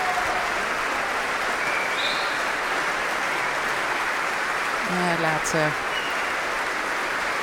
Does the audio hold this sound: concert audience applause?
yes